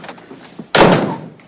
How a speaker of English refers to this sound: They leave, and Oscar shuts the door.